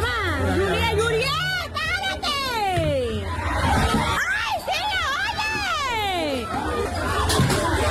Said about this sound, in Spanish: En videos aficionados quedó evidenciado cuando uno de los policías golpea a una mujer con un palo y una silla, mientras que a otro se le ve arrastrando a otra mujer por el cabello mientras permanecía en el suelo. Así se escuchó la batalla campal.